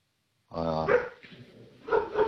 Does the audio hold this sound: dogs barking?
yes